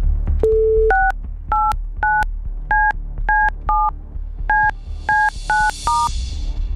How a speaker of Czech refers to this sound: Doufám, že jsem vytočil správné číslo.